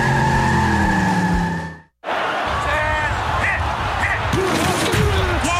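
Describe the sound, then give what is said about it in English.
Car tires screech in a loud, sustained skid for about two seconds, then cut off abruptly into a brief silence before a burst of dense, rumbling noise takes over, in a major collision. “Was a major collision.”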